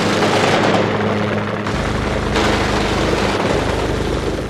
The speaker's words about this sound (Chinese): 肖天明操着米尼米机枪，狰狞着脸对着下面扫射